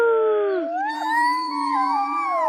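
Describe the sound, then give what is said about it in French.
A wolf howl that slides downward, then several more howls join and overlap into a sustained, wavering chorus that stays loud for the full two and a half seconds. “Que dit un loup sur le parking?”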